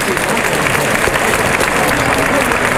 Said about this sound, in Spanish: La presencia de Benítez siempre es tremendo. Bueno, mira, todo la gente, el mundo en pie. Qué ovación.